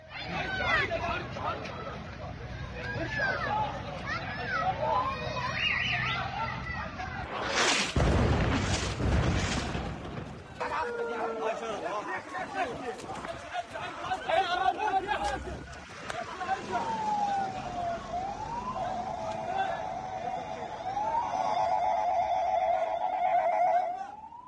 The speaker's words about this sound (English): filmed himself near the scenes of some of the Israeli airstrikes on Tuesday and recorded civil defense crews trying to put fires out inside buildings that were targeted.